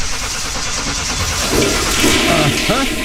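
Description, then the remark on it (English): A toilet flushes, a loud steady rush of water that swells midway and ends in gurgling, swirling drain sounds over about three seconds. “I can tell you right now, lady, the problem is you're flushing your money right down the drain”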